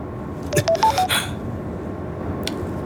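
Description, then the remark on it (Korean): An incoming phone call from an unknown caller rings as a quick run of four or five short electronic tones at shifting pitches, fairly clear over a steady low background hum, followed by a long stretch of quiet. “알 수 없는 발신자에게 전화가 왔습니다.”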